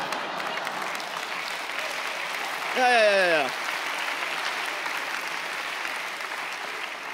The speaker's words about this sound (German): Den Applaus hier von der FDP brauche ich überhaupt nicht, ne?